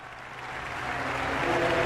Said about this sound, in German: nach dem majestätischen Jubelgesang brandet unfassbarer Applaus auf.